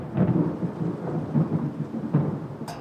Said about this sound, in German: Du, wenn ich das Grollen immer so höre, ist die Angst vor dem Wetter natürlich schon relativ groß.